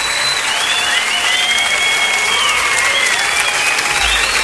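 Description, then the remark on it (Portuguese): Steady applause from an audience fills the whole stretch, a dense, continuous patter of many hands clapping, with faint high whistles or tones gliding above it, applauding the children of the LBV who are present. “Palmas para as meninas, os meninos que estão aqui presentes.”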